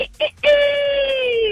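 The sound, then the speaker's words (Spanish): A person imitates the crow of a fine rooster: a couple of short voiced bursts, then one long, loud, drawn-out call that holds steady and sags slightly at the end. “Esa es la voz de un gallo fino.”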